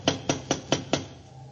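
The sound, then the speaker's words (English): Five sharp, evenly spaced knocks in quick succession on the door of a house where no one has answered, each a crisp hollow rap, followed by quiet. “Try knocking again.”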